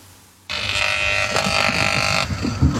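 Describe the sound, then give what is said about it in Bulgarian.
A faulty electric pole that has caused repeated fires near homes buzzes loudly in the Chulakova Cheshma holiday-home area near Kosharitsa village, by Sunny Beach, Bulgaria. It starts abruptly in a harsh, steady electrical drone with a metallic whine. After about two seconds the high whine cuts out, leaving a rougher low rumble. “Те са предизвикани от един и същ електрически стълб.”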